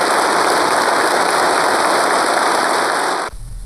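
A dense, steady wash of enthusiastic applause from a large crowd as Xi Jinping delivers an important speech, at a ceremony for the People's Republic of China International Science and Technology Cooperation Award, holding an even loudness for a few seconds before cutting off abruptly, with no voices heard.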